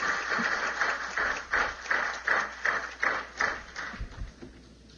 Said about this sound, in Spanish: Un aplauso fuerte y nos podemos sentar.